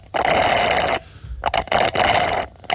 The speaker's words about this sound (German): Das ist ja relativ einfach. Echt, du oder? Du schlurfst mit einem Röhrle. Ja. Aber was trinkst du da?